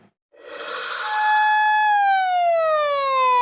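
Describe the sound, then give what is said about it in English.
A loud police siren blares on a school campus in Japan, its tone holding steady and then sliding slowly downward in pitch, with no one speaking. “Sirens blaring on a school campus, riot police on standby, drones buzzing above, all eyes on the intruder.”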